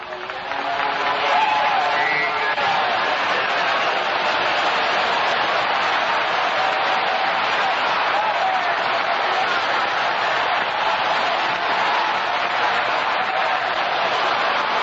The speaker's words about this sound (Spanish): Sigue aplaudiendo, sigue aplaudiendo, sigue aplaudiendo ahí. Se va a sanar aplaudiendo, se va a libertar aplaudiendo. Aplauda ahí, aplauda ahí. Sigue aplaudiendo. Una ovación ahí grande para el grande de los grandes, Jesucristo.